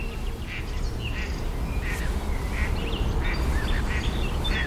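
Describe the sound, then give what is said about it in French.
Mallard ducks quacking in a quick, uneven series of short, nasal calls that repeat throughout, over a steady low rumble of background noise, with no voices. “Les colverts, on les a pas pris.”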